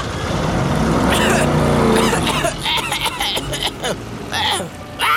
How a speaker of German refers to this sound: Beim Wegfahren gibt Tobi so ungestüm Gas, dass seine Reifen durchdrehen und Kasimir hustend in einer Staubwolke verschwindet.